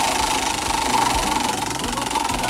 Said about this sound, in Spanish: Así que para eso tenemos ya en nuestras manos la ruleta de Radio Disney para girarla y para ver cuál es la primera pregunta. Y vamos a girarla de una vez.